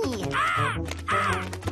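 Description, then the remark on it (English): Two loud, harsh parrot squawks ring out one after another with a short gap between them, over a low background hum; the parrots are at a zoo and are about to be released into the wild. “will take these parrots into the world and let them go.”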